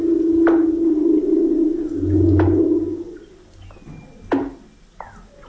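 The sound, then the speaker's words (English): Humpback whales swimming through frigid waters, recorded with special microphones: long, low moaning tones and rising, wavering cries, punctuated by a few sharp upward sweeps, echoing underwater with no talking. “Using special microphones to capture the haunting calls of humpback whales swimming through the frigid waters of”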